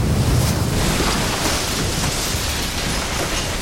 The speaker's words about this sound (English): Soon, every wave was surging across the top of Matinicus Rock. The next morning, another tremendous wave hit the roof.